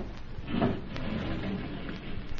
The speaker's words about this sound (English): Now, close the panel